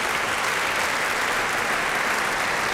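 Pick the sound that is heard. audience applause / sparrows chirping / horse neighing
audience applause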